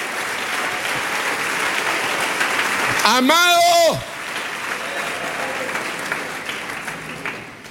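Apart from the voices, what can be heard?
audience applause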